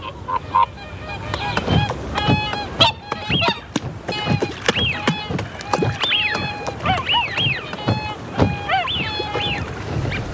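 A flock of whooper swans honks repeatedly, their bugling calls overlapping in an uneven, lively chorus, with soft splashing and flapping noises underneath. The swans are in the Burren region of Ireland in winter, leaving their lakeside grounds in the early morning to look for food.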